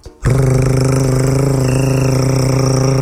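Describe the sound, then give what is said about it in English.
A car air conditioner kicks in abruptly with an odd, loud, steady droning hum, its low buzzing tone carrying a fast, faint pulsing throughout. “I took my car into the shop yesterday because the air conditioner started making this sound.”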